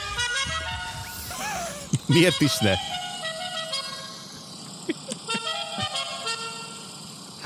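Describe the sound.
Musical car horns from the video game GTA 5 play a bright, melodic tune of sustained notes that shift in pitch, with a person speaking briefly over it and a few sharp bursts near the middle.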